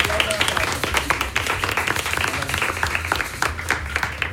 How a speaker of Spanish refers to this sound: vamos a darle un aplauso a Natasha